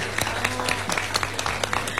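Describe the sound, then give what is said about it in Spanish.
A crowd at Brangus applauds to welcome the national asado champion, many hands clapping in a dense, rapid patter that holds at an even level for the whole stretch, with a faint low hum underneath. “Y yo les pido un aplauso para recibir a la campeona nacional del asado,”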